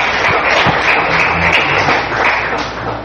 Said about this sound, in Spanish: Alguien dele fuerte el aplauso al Señor en esta noche. Esta mañana.